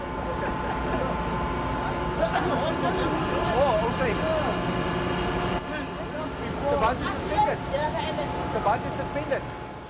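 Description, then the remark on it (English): A commuter boat carrying daily commuters out to Robben Island in Table Bay drones steadily throughout, a low continuous engine hum, while several people chat over the motor noise. “joining fellow commuters who take the boat out to the island on a daily basis.”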